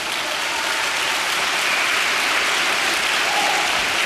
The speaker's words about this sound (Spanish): Vamos, dele palmas al Señor por eso.